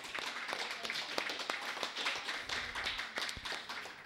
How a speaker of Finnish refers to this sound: On. Hyvä. Olisiko aplodit sille?